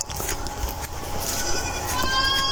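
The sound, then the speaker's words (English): Wet crunching as Vernon, a pygmy goat, chews an apple at breakfast, with irregular bites and munches over a steady farmyard background with a cow, and a faint high tone near the end. “So this is Vernon chewing on an apple.”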